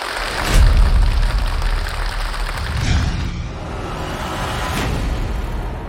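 An audience applauds steadily for about six seconds, the dense crackle of many hands clapping at once, swelling loudest near the start and then holding an even, lively roar with no voices, welcoming the chairman of the Zhong County Literary and Art Critics Association.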